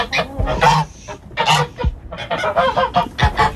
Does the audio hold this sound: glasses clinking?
no